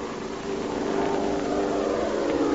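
airplanes flying

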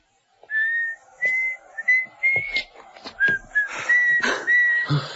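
woman whistling

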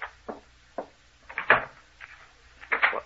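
door being locked

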